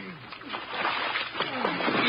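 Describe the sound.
Water sloshes and splashes steadily for a couple of seconds, growing slightly louder, with muffled voices and straining sounds mixed in, as a man of Dangerous Assignment, floating in the water, is pulled out onto a launch.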